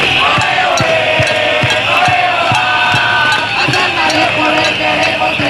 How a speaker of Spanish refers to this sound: gritos, cantos y pancartas contra la consejera Mercedes Zarzalejo.